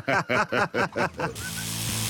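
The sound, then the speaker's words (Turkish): A car engine, after a crank sensor fault is fixed at a garage, sputters through several quick rhythmic revs, then settles into a steady, even idle with a low mechanical hum, fairly loud. “Görüntüsü de sesi de daha iyi.”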